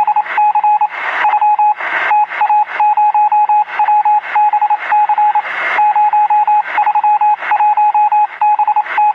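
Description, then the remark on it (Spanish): Telegraph Morse code beeping: a steady high-pitched tone rapidly keyed on and off in short and longer pulses, loud, with bursts of radio-like static mixed in and no voices. “Y entonces él hacía puro pi, pi, pi, pi, pi, pi, pi. Y ese mensaje llegaba al otro lado.”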